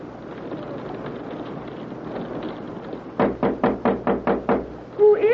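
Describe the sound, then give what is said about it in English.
A quick run of about eight loud, evenly spaced knocks on a locked door over a steady rushing background noise; a voice begins just as the knocking ends. “Jerry, can I come in? One moment until I unlock the door.”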